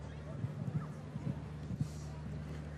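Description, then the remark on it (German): Hooves of the horse Dorette, ridden by Jana Vargas at an equestrian competition, clip-clop in a loose, uneven rhythm, fairly soft, over a steady low hum and faint background murmur. “Und das Pferd kennen Sie, nämlich Dorette von Jana Vargas.”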